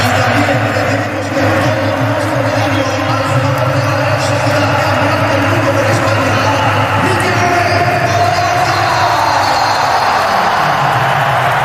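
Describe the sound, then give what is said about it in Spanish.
A stadium crowd at the Bernabéu applauds Mikel Oyarzabal in a loud, continuous wash of clapping and cheering that holds steady for the whole stretch, with a murmur of many voices mixed into the roar. “Aplausos también para Oyarzabal. Esto es el Bernabéu.”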